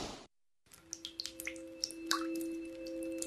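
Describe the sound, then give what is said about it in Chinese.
Water drips steadily from a faucet that keeps dripping, a quick run of small plinks at an uneven pace over a low, constant hum. No one speaks. “一直在滴答的水龙头，从不关机的电脑，到处乱扔的塑料袋儿，”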